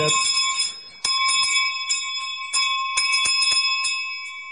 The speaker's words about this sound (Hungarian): Ott fekszik a mezőn, mögötte a juhokkal. Ezek a csengők, ott szóltak azon. Tényleg, ma még ugyanígy használ csengőt?